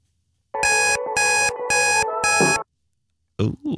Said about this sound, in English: Wee tip from me this morning, ignore the alarm. It's not happening.